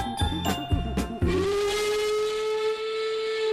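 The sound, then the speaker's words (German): A steam train lets out a long, steady whistle after a few rhythmic puffs and chugs, with hissing steam underneath; fairly loud, no voices. “Doch dann pfeift sie und sie bimmelt, rattert, knattert, dampft und faucht, ruckelt, zuckelt, klappert, plappert, bebt und bippert, rollt und raucht.”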